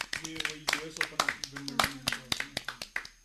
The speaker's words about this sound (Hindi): तो जोरदार तालियां टीम बी के लिए।